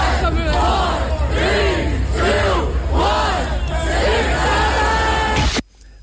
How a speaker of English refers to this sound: A crowd of people gathered to say 6-7. So what, they've gone for a record? What are they doing? I think so. Why? I don't even know if they've gone for a record. This is sad. There's no kids in there. No, it's all adults.